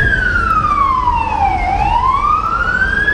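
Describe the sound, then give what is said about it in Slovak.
A loud emergency vehicle siren wails, its pitch sliding down and then climbing back up in one long sweep, over a steady low rumble of road traffic, as fire and rescue services arrive at a primary school whose pupils and staff are evacuating. “V tom čase už prichádzajú záchranné zložky.”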